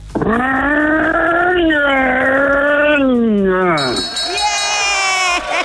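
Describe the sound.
A man's voice imitates a revving car engine, a loud continuous buzzing drone that climbs and dips in pitch over several seconds, then drops and revs up again with a rough rasp.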